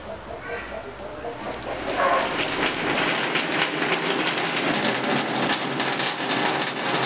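Steady rain pours down with a dense, hissing patter that swells noticeably heavier after the first couple of seconds, then stays loud with scattered sharper drips.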